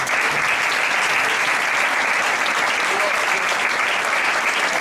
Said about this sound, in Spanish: Un aplauso.